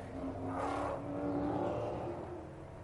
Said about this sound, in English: So the cars coming round on their opening sighting lap and dropping down that very steep run down from the corkscrew. It is the signature corner here.